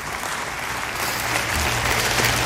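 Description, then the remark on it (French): An audience at Église Nouvelle Vie breaks into steady applause on Sunday 1 July 2007, a dense wash of clapping that swells slightly louder over a couple of seconds, with a faint low hum underneath. “Et ceux qui le désirent, crient un grand amen dans ce lieu ce matin et applaudissent avec moi la libération que Dieu veut accomplir.”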